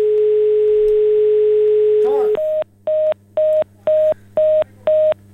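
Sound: telephone line tones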